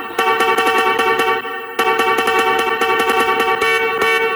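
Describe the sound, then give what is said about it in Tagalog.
A loud, sustained horn sound effect blares with a bright, brassy tone on Heart FM radio as The Price is Rice Overload segment starts, briefly dropping near the midpoint before resuming, accompanied by rapid clicking taps throughout. “Si Horn talaga natin.”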